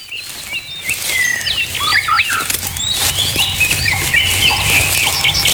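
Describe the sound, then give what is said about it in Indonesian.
A dense flock of birds flaps its wings steadily, a busy fluttering rustle with many chirps and tweets scattered through it and no talking. “Kayaknya berburu burung di sini seru ya. Soalnya banyak banget burung-burungnya.”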